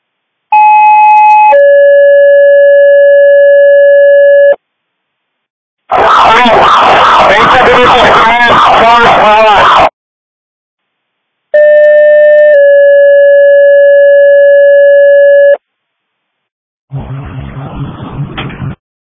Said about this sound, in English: Squad 3, you're being covered by that alarm that's going on down there.